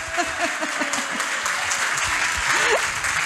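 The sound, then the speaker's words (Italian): Steady, dense applause from an audience, a continuous crackle of many hands clapping throughout, with a few voices and faint cheers mixed underneath. “Facciamo un applauso, sta per sposarsi.”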